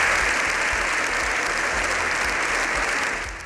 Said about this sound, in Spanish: Missatges que tot el Congrés ha aplaudit de manera unànime.